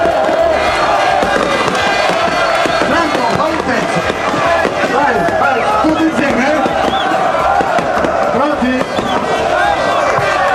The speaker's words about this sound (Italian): ed ecco le bottiglie che vengono stappate, il bagno solito, Taranto in C2.